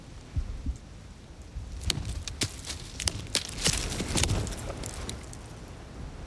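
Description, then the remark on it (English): Several dull, hollow knocks on a tree trunk, made as a call-and-response tree knock in the woods, come at irregular intervals over a steady rush of wind on a windy day. No one speaks. “It's a type of call and response from hitting a tree.”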